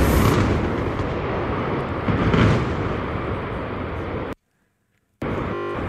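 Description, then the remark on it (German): A massive demolition blast bringing down an industrial boiler house and two denitrification plants roars as a sustained, loud, rumbling boom, then cuts out abruptly in a brief dropout before the heavy rumble returns. “Ein Kesselhaus und zwei Entstickungsanlagen sollen gleich... Und das war der große Knall.”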